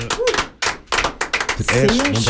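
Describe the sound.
A few people applaud in a burst of quick, uneven claps lasting a couple of seconds, with voices talking and calling out over the clapping.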